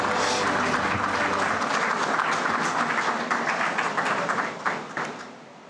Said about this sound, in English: Ladies and gentlemen, a warm round of applause for the Finance Minister, Nirmala Sitharaman ji.